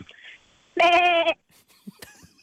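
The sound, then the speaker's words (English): A caller from Canberra voices a single loud, wavering bleat in imitation of a sheep, about half a second long with a quavering vibrato, followed by quiet background rustles. “I have sheep noise.”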